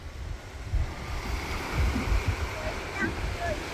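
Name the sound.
sea waves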